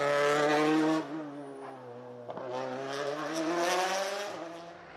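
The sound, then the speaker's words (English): A Toyota rally car driven by Takamoto Katsuta on a Rally Japan stage roars at high, steady revs, its pitch dipping briefly with a few sharp lifts or gear changes before climbing again. No one speaks over the loud engine. “That's what a Toyota on form should look and sound like as we join Takamoto Katsuta.”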